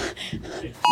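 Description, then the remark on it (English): A voice talks briefly, then a loud, bright electronic phone notification tone cuts in sharply at the very end, clear. “This is 1:59 and 50 seconds, just before we all received the notification.”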